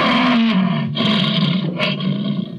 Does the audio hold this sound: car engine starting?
no